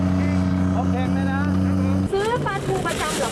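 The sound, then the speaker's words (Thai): The engine of a mackerel vendor's boat, which has sold fish along this canal for over 40 years, drones steadily and loudly, then cuts off abruptly about two-thirds through, while voices chatter over it and continue afterward. “แล้วเราจะรู้ได้ไงก็ว่าเรือมาแล้ว เขาขับมันรู้กันเองไงบอกไม่ถูกไม่ใช่เหรอการขับแต่ละคนการเร่งเครื่องไม่เหมือนกัน”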